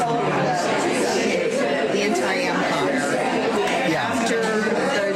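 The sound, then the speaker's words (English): Dense crowd chatter after a church service fills the whole clip, many overlapping voices talking at once at a steady, fairly loud level with no single speaker standing out. “Man, there's so much crowd noise, it's hard to pick it out.”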